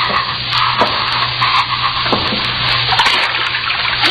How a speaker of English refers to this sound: Go down again. See if water's deep. Wade through water if it isn't deep.